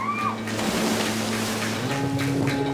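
A steady, loud wash of strong ocean surf against rocks beside a tide pool in Hawaii churns without pause, a broad rushing roar with no clear breaks between waves, and faint steady tones hum underneath.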